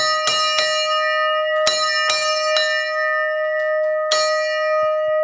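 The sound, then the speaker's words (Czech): A forged bell-bronze bell on the Kozubová lookout tower is struck about six times at an uneven pace, each loud clang blooming into a long, shimmering ring that overlaps the next strike. “Tak schválně, jak se zvoní na Kozubové.”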